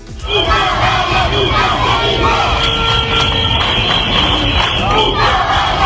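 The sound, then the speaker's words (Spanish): A loud protest crowd at an afternoon demonstration in Ceuta chants the slogan "Un caballa nunca se rinde" in unison, with children's high-pitched shouts standing out above the massed voices, steady and sustained throughout. “Un caballa nunca se rinde. Los que más fuerte lo gritaban, los chavales, los niños”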